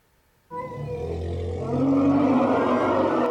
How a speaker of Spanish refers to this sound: Las hembras de la manada emitían sonidos estridentes cuando Cintia, la parturienta elefanta, expulsó con un golpe seco a su cría con este grito desgarrador